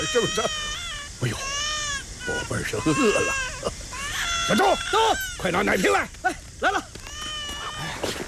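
A hungry baby cries loudly, a run of high, wavering wails that rise and fall in quick repeated bursts, continuing without pause for several seconds.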